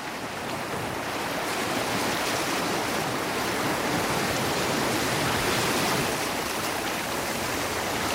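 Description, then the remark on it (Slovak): Steady, dense rush of water, like sea waves washing continuously onto a shore, loud with a gentle swell in the middle and no voices. “More, odpovedz mi, vráť mi mojich synov. Čo si mi to hodilo k nohám?”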